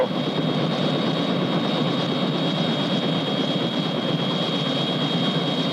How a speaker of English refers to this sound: Mr. President, isn't that your helicopter over there?